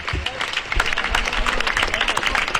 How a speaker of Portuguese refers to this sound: Falará o alcalde agora, aplausos, sí, para o pregoeiro.